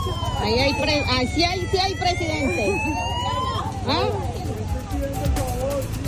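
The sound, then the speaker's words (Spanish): A police patrol car siren wails in a long, slow rising and falling sweep, loud, over a constant background of crowd noise and people talking, as the president arrives in San Pacho. “Patrullas de policías, carros, sí, efectivamente, puede decirse que sí está llegando el presidente.”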